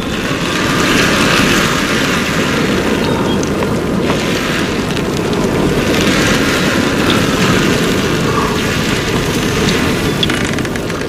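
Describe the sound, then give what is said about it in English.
A continuous rolling hiss from a colony of shellfish squeezing their shells, dense and crackly in texture, holding steady and fairly loud throughout with gentle swells and no voices. “And it is that collective squeezing of their protective shells that makes that hiss. And it's just a rolling hiss across the whole colony.”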